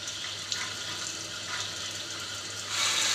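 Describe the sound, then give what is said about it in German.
Water runs steadily with a broad hiss, as if from a tap, to prime a spring-triggered suction device, swelling louder near the end; no one speaks. “Wasser los fürs Ansaugen.”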